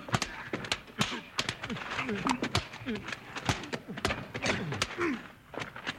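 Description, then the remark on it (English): Horse hooves clatter and thud in a quick, uneven rhythm, mixed with a horse's whinny and voices over the commotion, as a man goes for his horse. “Billy's going for his horse.”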